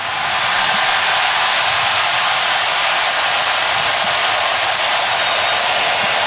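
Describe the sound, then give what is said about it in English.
A stadium crowd at an LAFC Major League Soccer match roars after a goal, a loud, dense wash of noise that holds steady for several seconds without letting up. No one speaks over it. “That is what the roar was for, you just heard.”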